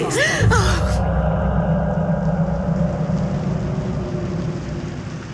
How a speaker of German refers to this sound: Der Regen prasselte an das Fenster.